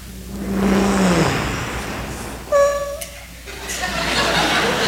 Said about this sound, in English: They try to be as quiet as possible to get into that house. So what do? They drive up into the driveway with as least noise as possible with that car.